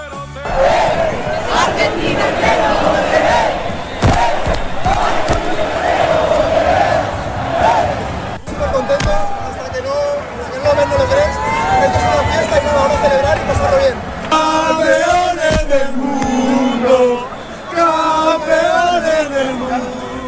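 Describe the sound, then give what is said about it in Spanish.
A large crowd in a city square celebrating its national team, with flags and flares, chants and shouts together in a loud, continuous roar, with rising melodic chant lines and bursts of cheering over dense babble throughout. “En la plaza, los cánticos, las banderas y las bengalas dibujaron la gran celebración de una ciudad entregada a su selección.”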